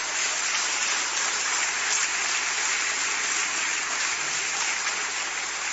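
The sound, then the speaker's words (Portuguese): A crowd claps steadily for Jesus for several seconds, a dense, even wash of many hands with no pauses or distinct individual claps, and no voices rising above it. “Pode aplaudir Jesus.”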